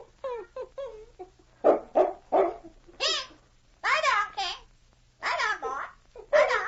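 A dog, King, barks a few sharp times in quick succession, mixed with stretches of squawky, babbling vocal sounds from a parrot that come and go around it.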